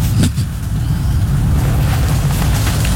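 A semi-truck tractor unit rumbles past, its deep, steady engine drone filling the low end for several seconds, with a brief louder burst near the start and no talking.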